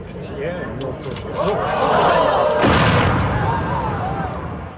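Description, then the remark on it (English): A crowd watching a bridge being imploded murmurs and exclaims in awe as a deep, rumbling demolition blast from far away bursts out partway through, its boom rolling under the voices, which keep reacting afterward. “Just the, it just sounds like a perfect movie sound effect of the people in awe at the bridge being imploded.”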